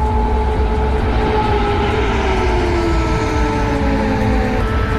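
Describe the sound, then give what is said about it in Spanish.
Air raid sirens in Kyiv during an air attack wail in long, sustained tones that slowly slide in pitch, layered over a loud, steady rumbling background noise. No one speaks. “Así sonaban las alarmas, las sirenas.”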